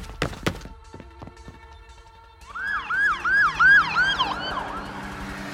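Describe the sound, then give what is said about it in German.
A police siren starts up after a couple of thumps, wailing in rapid rising-and-falling sweeps that repeat steadily and fairly loudly, with a low traffic rumble beneath. “Ich sehe draußen schon die Polizei.”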